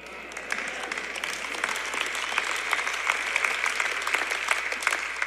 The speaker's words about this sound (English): That was a half-hearted clap, but I'll take it.